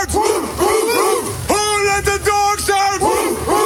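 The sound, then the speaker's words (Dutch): Soldiers of the 110th transport company shout a chant in unison, loud, with short rhythmic bursts giving way to long, drawn-out yells. “En het mooie is, die kun je dus in kort dingen laten roepen als je bijvoorbeeld zegt”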